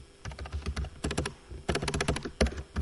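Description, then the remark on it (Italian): Rapid clacking of keys on a computer keyboard, fairly loud, coming in quick bursts with short pauses between them, no voices. “Porco Dio, tastiera di merda.”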